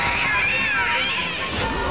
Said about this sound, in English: A cat?